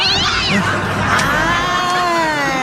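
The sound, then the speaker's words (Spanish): A cat lets out a loud, drawn-out meow that wavers and slowly falls in pitch, lasting a few seconds, over a steady background hum. “Adivina de quién es. Es el día del gato del patrón.”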